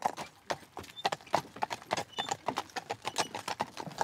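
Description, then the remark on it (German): Steady clip-clop of a two-horse team's hooves pulling a carriage at travelling pace, a quick, regular rhythm of sharp knocks on a hard surface with a faint rolling rumble underneath and no voices. “So, ich fahre ja auch oft alleine, was man eigentlich mit zwei Spannern nicht machen sollte.”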